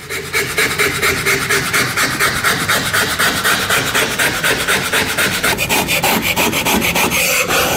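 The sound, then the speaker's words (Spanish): Steady rasping strokes of a file or carving tool scraping across wood, repeating in a fast, even rhythm with a bright, hissy texture. The scraping is loud and continuous, with no voices. “es como que me estoy imaginando a la persona tallando algo, haciendo ahí algo”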